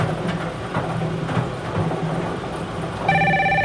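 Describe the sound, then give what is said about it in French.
A telephone bell starts ringing near the end, a bright trilling ring rising over a steady low rumble of background noise. No one speaks. “Alors, le téléphone sonne,”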